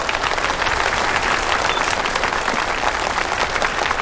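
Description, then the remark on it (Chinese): Steady, dense applause from a large audience welcoming a speaker to the stage, many hands clapping at once in a continuous wash of sound without pause or voices. “现在让我们掌声欢迎”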